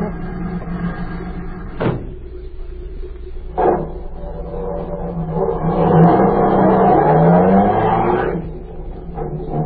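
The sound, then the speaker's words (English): A waiting car's engine rumbles steadily, with two sharp thuds like doors shutting, then the engine revs and pulls away with a rising whine before settling back down. “I've got a car waiting.”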